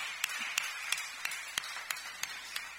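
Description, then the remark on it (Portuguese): Steady rhythmic clapping for Jesus, about three claps per second in unison, fairly quiet over a hissy background, with no voices. “Deus abençoe, palmas para Jesus.”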